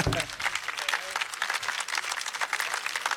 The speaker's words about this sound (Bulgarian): Да, моля, аплодисменти.